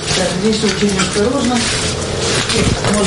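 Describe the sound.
Wet, sloshing steps through shallow water on a floor, a continuous close splashing texture with a few sharper splashes, while a voice murmurs faintly underneath.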